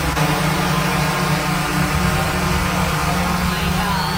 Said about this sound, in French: C'est pas fatigant pantoute d'entendre le drone, le bruit. Ben, on va l'écouter d'ailleurs. Écoutez, ah oui, ce qu'un seul drone, comment ça sonne?